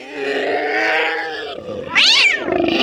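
Several cats yowl and caterwaul in a loud, overlapping tangle as they attack a monster, clinging to and biting its face, neck and eyes; a long drawn-out wail gives way to a sharp rising-and-falling screech near the end, intense with no speech.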